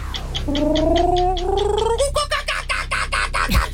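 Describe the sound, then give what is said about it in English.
A voice imitates a kookaburra call: a rising, wavering hoot that breaks into a loud, rapid run of cackling pulses, ending with a short low drop. “Is that a kookaburra? Oh, yes.”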